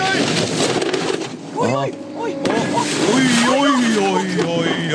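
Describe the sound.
A bus drives past, its loud engine rumble and whooshing noise swelling and shifting in pitch, while people talk and shout over it.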